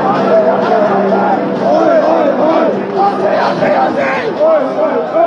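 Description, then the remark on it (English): A dense, agitated crowd of thousands of soccer fans storming barriers past police and security at Federation Square, Melbourne, for the World Cup roars and shouts continuously, many voices overlapping into a loud, chaotic din with occasional rising yells, surging. “Thousands of soccer fans have stormed barriers, pushing past police and security to get in on the World Cup action.”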